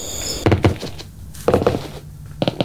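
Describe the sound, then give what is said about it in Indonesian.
Slow footsteps sound alone, each step a dull double thud of heel then toe, arriving in three clusters about a second apart at a steady, unhurried pace. “Suara langkah kaki kita kayak lebih dari 2 orang.”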